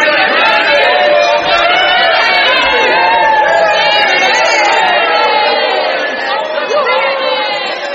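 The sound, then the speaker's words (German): A large crowd at a king's court breaks into jubilation, a dense, loud roar of many voices with whoops rising above it, sustained throughout and easing slightly near the end. “Und da brach der Jubel los.”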